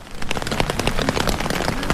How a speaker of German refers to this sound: Regen, Leute, das Geräusch habe ich lange nicht gehört.